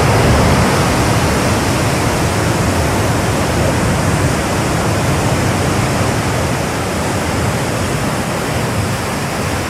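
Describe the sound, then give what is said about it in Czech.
A loud, steady roar of sea surf fills the whole recording, continuous washing noise with no clear pauses between waves and no voices. “Druhé místo nejlíbivějších zvuků obsadil zvuk mořského příboje.”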